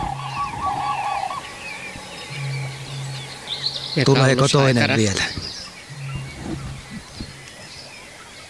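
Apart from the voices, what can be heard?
common crane calls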